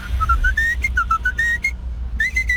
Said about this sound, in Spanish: Ya conocían el chiflidillo de la loncherilla, la cucaracha, tiriririririri.